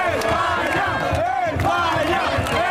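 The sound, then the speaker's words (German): Spanish football fans, supporting Spain on the day of a football World Cup semifinal, chant a rhythmic two-part cry of "España" over and over, loud and unison, with arching pitch contours and steady crowd roar underneath. “Das sind spanische Fans. Die rufen España, España.”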